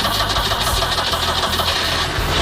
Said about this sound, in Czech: končí taky show východoněmeckých aut s ikonickým zvukem motoru.